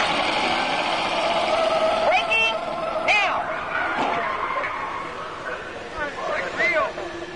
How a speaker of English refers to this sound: Okay, I'm going to take you right up to the cones, hit the brakes, and see if I can steer you through. Hold on.